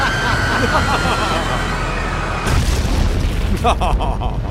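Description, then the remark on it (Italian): An airplane crash explosion: a loud, dense roar with a thin high whine gives way midway to a sudden heavier blast, followed by rumbling and crackling bursts. “Il pilota ha preferito passare la carta igienica al collega e far precipitare l'aereo.”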